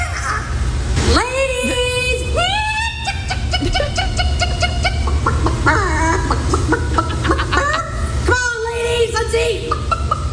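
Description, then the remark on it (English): A person's voice imitates a chicken in a chicken-calling contest, with drawn-out squawking cries and rapid clucking bursts, loud over a steady low rumble of background noise. “Well, I guess do the chickens have to respond? Are there chickens there? No, there's no chickens.”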